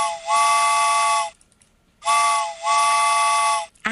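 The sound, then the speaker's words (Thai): A steam train whistle blows twice, each a long, loud, chord-like blast with a brief dip near its start, separated by a short silence. No one speaks. “ตอนนี้ค่ะคุณผู้ฟังรถไฟขบวนที่2นะคะสายด่วนขบวนพิเศษมารับอีก1รอบแล้วค่ะ”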